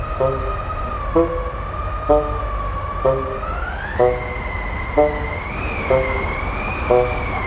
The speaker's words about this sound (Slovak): Ale hvízda to vetrisko ľadové celkom ma prefúkalo.